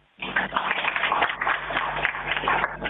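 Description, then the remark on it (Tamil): A crowd of students applauds a speech, a dense, steady wash of many hands clapping that starts abruptly and holds at an even loudness for about three seconds. “அப்ப அவங்களோட மாணவர்களோட கைத்தட்டே சொல்லிருச்சுமா.”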